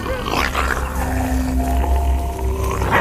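Wolves in a pack growl and snarl, baring their teeth to assert their rank among pack members, in rough, overlapping bursts over a steady low rumble, with thin drawn-out whining tones threading through, fairly loud and without any talking.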